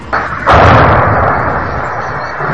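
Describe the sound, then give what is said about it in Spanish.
Israeli artillery fire in southern Lebanon: a softer thump, then a loud, heavy blast that rolls into a long rumbling decay over a couple of seconds, with no voices. “lo que ha hecho este sábado es intensificar su ofensiva contra el sur del Líbano con ataques con drones, artillería y nuevas operaciones terrestres.”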